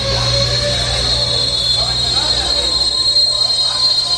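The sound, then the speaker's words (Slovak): A passenger train to Heidelberg rumbles and hums as it arrives at the packed platform of the large Frankfurt station, with sustained low engine drone and a high steady whine, faint murmuring voices and bustle mixed in throughout. “A keď konečne došiel osobný vlak do Heidelbergu, začal útok ako na nepriateľské pozície.”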